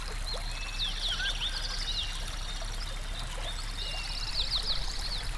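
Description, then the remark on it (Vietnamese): Steady water rushes and flows continuously, with high, quick bird chirps scattered over the top. No one speaks. “Nước này á, bữa giờ bà con không dám xài rồi. Mà bà con chuyển qua xài con suối kế bên á.”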